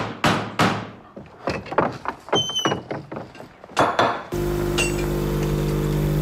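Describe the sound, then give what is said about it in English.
A run of sharp, irregular knocks and clattering taps, then a coffee machine at a breakfast table at Kufstein Fortress starts up with a steady, loud electric hum and whir that continues to the end. No voices. “Okay, so that's the coffee machine. Ja, da geht eine Kaffeemaschine, die da läuft. Dann reitet ein Pferd.”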